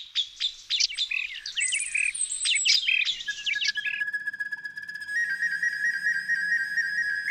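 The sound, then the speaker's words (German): A recorder (block flute) mimics birdsong with quick warbling chirps and trills, then settles into a long, steady, high piping note. It plays clear, with no voices. “Also sie trägt gar nicht mehr diesen Block im Namen, sondern sie ist sozusagen die Aufnehmerin, weil sie gerne auch Klänge zum Beispiel von Vögeln aufnimmt und wiedergibt.”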